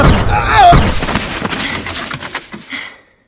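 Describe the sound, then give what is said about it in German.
A loud, sharp gunshot bursts out, followed by a brief warbling, ringing tail and scattered crackles and thuds that fade away over a few seconds, with no talking. “Hoffentlich hat der andere Kerl den Schuss nicht gehört.”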